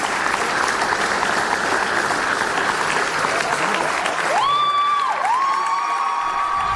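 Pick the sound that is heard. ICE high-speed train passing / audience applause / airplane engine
audience applause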